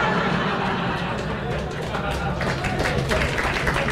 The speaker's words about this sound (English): The round of applause for the mention of a fry-up.